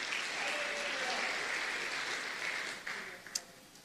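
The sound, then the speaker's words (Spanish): A church audience applauds steadily to the Lord, a dense wash of many hands clapping that thins slightly toward the end, with a few sharper individual claps standing out near the close. “Dele palmas al Señor.”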